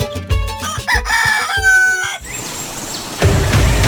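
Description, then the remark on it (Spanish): A miniature Aztec bantam rooster crows, a loud, stuttering, harmonic call lasting about two seconds, then fades into noisy outdoor background that swells near the end. “proceso de crearse, la raza de gallitos de azteca miniatura, que puedan venir a conocerlo.”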